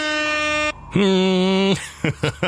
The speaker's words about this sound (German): Das ist das schönste Geräusch, ne? Die Tröte.